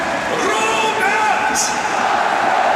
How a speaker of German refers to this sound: Kriegt hier seinen extra Jubel nochmal vom Publikum.